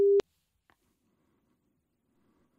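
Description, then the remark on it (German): A loud, steady telephone ringing tone on an outgoing call sounds briefly at the start and cuts off, followed by a single soft click and near silence. “Und da klingelt's, so klingelt's bei mir.”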